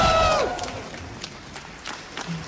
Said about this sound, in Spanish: Sale de su oficina y la gente, la verdad, que la aplaude de una manera, pero muy fuerte. Ella sonríe, mira a la gente, la siguen aplaudiendo.